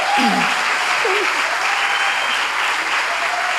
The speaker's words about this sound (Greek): Φυσικά, το πιο θερμό σας χειροκρότημα για την Ξένια Γραμματικού, που ήταν στην υπέροχη ερμηνεία.